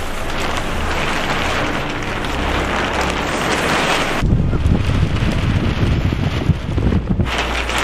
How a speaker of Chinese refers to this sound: 三月的考古工地仍是阴晴不定，一阵大风吹过，天气说变就变。